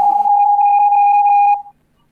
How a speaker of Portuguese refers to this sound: Vamos lá, que o telefone já está a tocar, vamos já saber quem é que está então do outro lado e qual é que é a musiquinha que vai querer então ouvir.